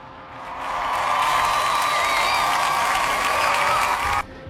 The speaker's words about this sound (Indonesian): 67% suara, kita kasih tepuk tangan ya.